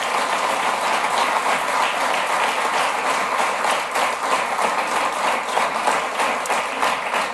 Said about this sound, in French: Je pense qu'on peut tous les applaudir pour leur élection ce soir.